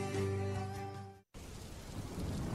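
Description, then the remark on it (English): A short burst of sustained musical tones cuts out abruptly, then steady, loud rainfall takes over, with a deep rolling rumble of thunder beneath the downpour. “Oh no, it's raining!”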